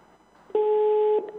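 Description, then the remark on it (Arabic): A steady electronic telephone busy tone after a call disconnects, sounding once as a flat two-pitch beep lasting just over half a second, loud and clear after a faint muffled background, then cutting off abruptly. “في حاجة غريبة حصلة. أوكي. أوكي. فصل التليفون، معلش سوري.”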